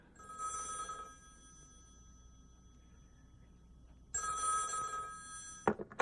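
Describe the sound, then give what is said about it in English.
A telephone rings twice in an apartment, two bright electronic bursts separated by a few seconds of quiet, followed by a sharp click as the receiver is picked up. “8 days later, I was at my girlfriend's apartment when the phone rang.”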